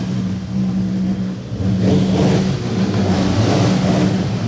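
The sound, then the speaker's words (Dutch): Several motorcycle engines rev and roar in a street, their low steady drone swelling in repeated bursts of throttle over a rumbling background, with no voices. “En daar staan ze weer allemaal die motors helemaal tekeer te laten gaan.”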